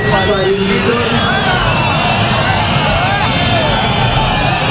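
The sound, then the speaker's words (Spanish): A large crowd boos and jeers Marlaska loudly and without pause at a ceremony in Abaza where a new class of Guardia Civil officers were being sworn in, many voices overlapping into a dense, steady roar that holds for the whole stretch. “Este es el abucheo que esta semana hemos escuchado varias veces porque es llamativo.”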